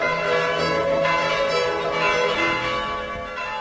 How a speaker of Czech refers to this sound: Naša zvona.